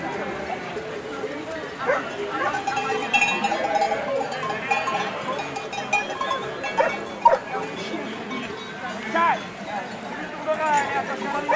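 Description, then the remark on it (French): A bell on a grazing Mérens horse clinks now and then amid scattered animal bleats and calls from a herd of 700 head in a quiet, very calm mountain setting, with a steady low outdoor murmur underneath. “Un cheval de Mérins.”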